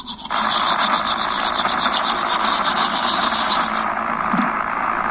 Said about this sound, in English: Mom, something's wrong with my favorite show. It's just like static.